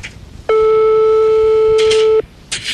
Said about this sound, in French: On compose le numéro de téléphone